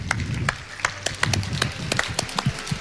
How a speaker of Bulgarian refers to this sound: Аплодисменти за …!